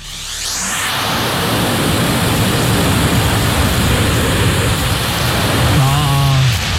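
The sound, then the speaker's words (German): A vacuum cleaner sucking up confetti: the motor roars up within the first second into a loud, steady hiss, with a brief low hum shifting in pitch near the end. “Und es ist nicht ein Konfetto, es sind tatsächlich mehrere Konfetti.”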